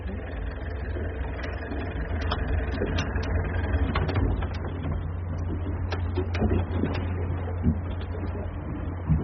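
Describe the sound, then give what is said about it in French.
A boat engine runs steadily, a constant low rumble with a mechanical hum, punctuated by occasional clanks and rattles, with no one speaking. “Vous voulez qu'on se trouve le moteur, là?”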